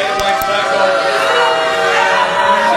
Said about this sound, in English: That loud booing you just heard was the crowd's reaction when it was approved back in April.